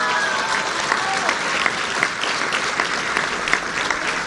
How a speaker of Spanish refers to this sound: Y entonces hay que darle otro aplauso a la gobernadora porque mucho se debe a su trabajo, a su liderazgo.